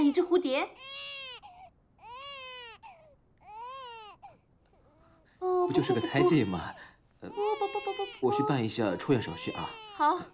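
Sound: baby crying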